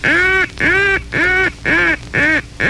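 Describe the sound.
A duck call, used as an answer to the lonesome hen call, sounds six evenly spaced, nasal quacks in a steady rhythm, loud, with no voices present.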